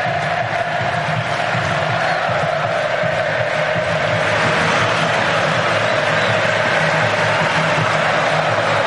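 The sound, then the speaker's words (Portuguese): A stadium crowd of Mexico football fans roars at the Azteca during a match against Brazil, a loud, dense, unbroken wall of noise that holds steady for the whole stretch, with no single voice standing out. “Torcedor subiu o volume.”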